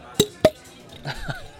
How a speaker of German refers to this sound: Oh, ach, ich brauche einfach mal wieder einen entspannten Abend und ein kühles Bierchen. Ey, fühl ich. Darauf stoßen wir erstmal an, komm. Jawohl.